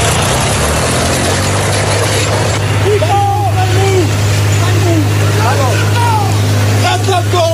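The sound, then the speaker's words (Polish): A tractor engine runs steadily with a loud, constant low rumble throughout, while voices call out intermittently over the engine noise. Recorded during an incident in Gliwice, Poland, in which a 60-year-old farmer with his tractor damaged public property. “Zamieściła też nagranie ze zdarzenia.”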